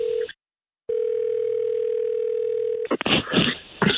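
A steady electronic ringback tone purrs over the phone line, cutting off briefly and then sounding again for about two seconds before rustling, crackly noise takes over as the call connects.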